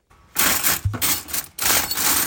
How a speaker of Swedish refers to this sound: Så där låter bestick efter ett stort bröllop med 90 gäster.